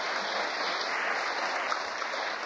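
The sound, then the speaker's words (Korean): An audience claps steadily, a dense, even wash of many hands with no voices over it, holding at a constant moderate loudness throughout. “무슨 또 뭐 쓸데기 없이 돌아다니지 말라고 이렇게 박수를 칩니까 또?”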